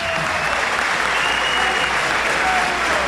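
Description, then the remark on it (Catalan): A large stadium crowd applauds steadily, a dense, continuous wash of clapping and crowd noise that stays loud and even throughout, with no distinct voices standing out, as football player Benat del Camp leaves the pitch after 83 minutes. “Per cert, acomiadat amb aquests aplaudiments, Benat del Camp.”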